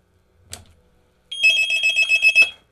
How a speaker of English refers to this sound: I think I've got another phone call.